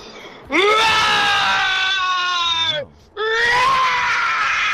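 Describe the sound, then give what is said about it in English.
A caller from Pretoria imitates a lion's roar with two long, loud, strained vocal bellows. The first lasts over two seconds and the second follows after a brief pause, both rich and harsh in tone. “and this is my best rendition of a lion roar.”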